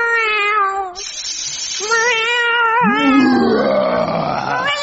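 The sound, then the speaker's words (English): A voice does an impression of a dragon caught in a cat flap: long wavering cat-like wails that rise and fall, then a deeper growling roar sliding upward, loud with no words. “Their dragon caught in a cat flap.”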